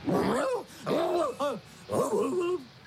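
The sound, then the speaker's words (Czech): A father imitates a dog while walking on all fours, giving about four drawn-out, whiny barks and growls in quick succession, fairly loud, with no other talking. “Já si jí chlubit nebudu, že můj taťulda chodí po čtyřech a štěká.”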